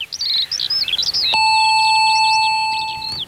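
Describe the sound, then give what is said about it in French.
A doorbell with a small speaker grille at a large almond-green wooden gate rings with a single steady, sustained electronic tone that holds for about two seconds, while high, warbling birdsong chirps before and over it. “Une sonnette, une petite grille de haut-parleurs. Gabriel appuya en respirant un grand coup.”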